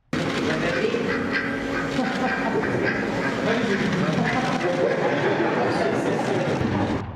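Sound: duck quacking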